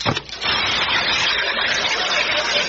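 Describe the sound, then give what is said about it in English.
An alkali water tablet dropped into a glass of water fizzes, a loud, steady, hissing bubbling that starts abruptly after a short splash and continues evenly without any voices. “drop this here alkali water tablet into this here glass, and I want you neighbors to listen to it fizz”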